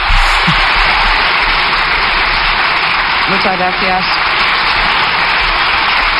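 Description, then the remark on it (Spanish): A standing ovation from Partido Popular deputies in parliament after Alberto Núñez Feijóo's speech: dense, continuous clapping from a large crowd, steady and loud for the whole stretch, with a brief voice surfacing partway through. “Como es habitual también, ovación cerrada por parte de los diputados del Partido Popular.”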